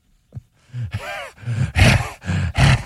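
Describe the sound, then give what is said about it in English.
A person imitates heavy, panting dog-like breathing, a series of about five loud, raspy breaths and groaning exhales in a quick uneven rhythm, with no talking. “Just breathing in the air like a dog.”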